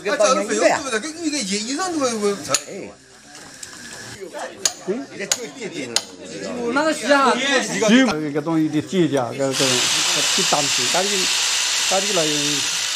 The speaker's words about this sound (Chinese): 晚 上10点，工作人员在靠近棺木底部钻下了第一个孔。钻孔过程费了很大的力气，钻头钻进去之后似乎有什么阻挡。